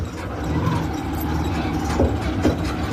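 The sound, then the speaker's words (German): A red motorcycle tricycle with an attached metal cab moves slowly along narrow gravel roads in Davao, Philippines, its low engine drone rumbling steadily, mixed with rattling and a couple of sharp clanks as it jolts over the rough surface. “Das Motorrad mit angehängtem Metallgehäuse holpert über enge Schotterwege.”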